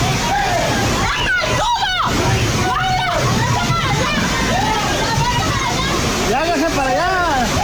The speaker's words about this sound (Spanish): tras varios minutos de lluvia intensa, el agua comenzó a acumularse rápidamente sobre la vialidad y zonas aledañas, generando corrientes que arrastraron lonas, estructuras metálicas, mesas y parte de la mercancía colocada por los comerciantes.